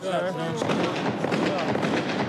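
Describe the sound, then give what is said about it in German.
A rapid, irregular volley of sharp, real gunshots cracks out over about two seconds, fairly loud, during a filmed interview, with a brief voice heard just before the shots begin. “Hörst du die Schüsse? Das ist echt.”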